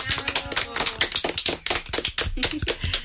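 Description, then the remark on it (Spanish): A group of people claps for the mothers steadily for about three seconds, a dense patter of sharp, overlapping hand claps at an even, lively level without pause. “A todas las mamis les vamos a dar un aplauso.”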